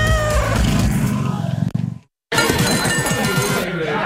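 A cat meows a few times over a busy background, with a brief silent break midway before more meowing and clutter resume.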